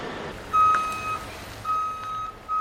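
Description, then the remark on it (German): An eight-axle heavy transport truck's reversing alarm sounds in long, steady high-pitched beeps, roughly three, evenly spaced, over a low continuous engine rumble, as the transport is guided onto a construction site, with no one talking. “Und der Kollege, der da drauf sitzt, der fährt schon so lange diesen Achtachser, also da, das läuft.”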